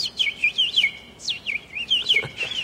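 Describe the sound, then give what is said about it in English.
A person whistles an imitation of bird chirping, a quick series of high, sliding tweets repeated in a steady rhythm for a few seconds, moderately loud with no talking. “Do that bird thing again.”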